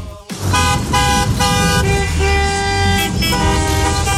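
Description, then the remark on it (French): Several car horns honk over and over in a dense traffic jam of summer holiday departures heading toward seaside resorts, long overlapping blasts of different pitches sounding loud above a low rumble of idling engines. “Ce son, vous le connaissez, c'est celui, bien sûr, des départs en vacances. Et oui, les embouteillages, les klaxons.”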